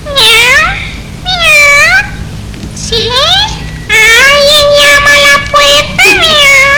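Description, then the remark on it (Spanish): A black cat meows loudly and repeatedly, about half a dozen plaintive, wavering cries in quick succession, some short and rising, others long and drawn out, with no talking. “llegó hasta una casita, a donde una vieja, con la cabeza muy blanca, platicaba con su gato negro.”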